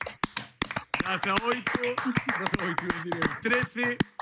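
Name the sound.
applause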